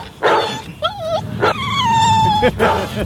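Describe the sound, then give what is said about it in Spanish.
A person's voice imitates a dog, loud: short yapping barks broken up by a long, high, wavering whimper that slowly falls in pitch, then another bark. “Oye, ¿cachai que los perros que están escuchando o están cerca de la radio, cómo deben alterarse y traumarse con ese sonido”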